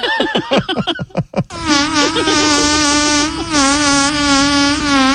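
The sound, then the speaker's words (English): A long, rasping fart drones steadily for about four seconds, its wavering buzzy tone resembling a swarm of flies, after a quick series of short sputtering bursts. “Did that fart not sound like a bunch of flies?”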